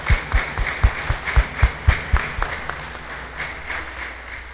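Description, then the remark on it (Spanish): An audience claps in a steady, rhythmic beat, about nine strong claps in quick succession, then the applause thins out and fades to a quieter scattered patter. “Así que para todos un aplauso en Dios, para todos que Dios les pague.”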